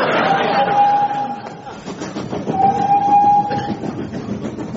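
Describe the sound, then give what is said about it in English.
A person imitates a train with their voice: a steady chuffing rumble broken by two long, high, whistle-like hoots, fairly loud throughout. “Do stop making those train noises and come and sit down”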